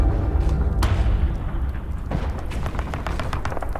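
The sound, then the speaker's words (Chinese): Gunfire from outside the city crackles in rapid, irregular bursts over a steady low rumble, the sharp reports growing denser toward the end, with no voices present. “别急，不是敌人的进攻，枪声来自城外。”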